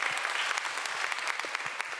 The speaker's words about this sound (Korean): 이야, 큰 박수 부탁드립니다. 감사합니다.